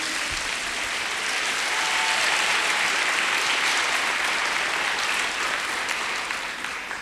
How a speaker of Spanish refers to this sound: ¿Cuántos le dan un aplauso al Señor por eso? ¡Aleluya!